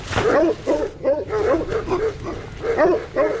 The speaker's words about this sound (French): Est-ce que vous pouvez me montrer vos patous ? Pas de souci. On peut faire un petit tour ? Ils vont aboyer.